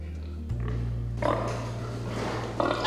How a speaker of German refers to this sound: Für den Versuch bekommen die Schweine eine begrenzte Menge Futter. Die dominanten Tiere drängen die Schwächeren weg. In diesem Fall ist es Schwein Nummer 5, das bei den anderen Tieren Stress auslöst.